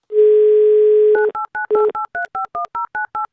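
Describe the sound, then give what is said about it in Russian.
A steady dial tone for about a second, then a quick run of touch-tone keypad beeps as a phone number is dialed, each short two-note tone evenly spaced and clear, with no talking. “Набираем ее номер телефона.”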